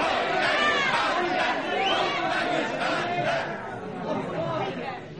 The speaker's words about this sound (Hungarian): Bűnösért kiállt a tömeg, vért akar, haláltusát.